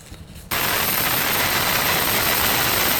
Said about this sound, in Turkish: Askerler helikopterle güverteye indirildi. İran'ın gölge filosuna ait ileri sürülen tanker işte böyle ele geçirildi.